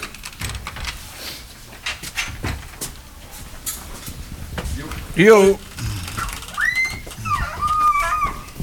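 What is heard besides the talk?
door being closed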